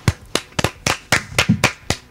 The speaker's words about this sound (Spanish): ¿Y ahora por qué me aplauden? No, ahora con las manos.